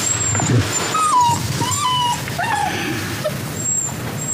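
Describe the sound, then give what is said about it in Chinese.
A dog whimpers in a few short, high, falling whines, with a brief yip near the end, over a steady low background hum and no talking. “小佳乔跟你一样，喜欢狗喜欢的不得了，天天抱着他睡。”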